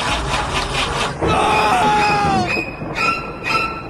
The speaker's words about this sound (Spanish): Hay algo más de terror que un auto que no enciende.